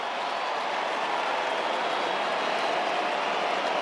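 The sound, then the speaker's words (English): A huge stadium crowd cheers and roars for Harley Reid returning to the ground for West Coast: one sustained, dense wall of noise that holds steady and loud throughout, with no single voice standing out. “Enormous roar around the ground as he makes his way back out there for West Coast.”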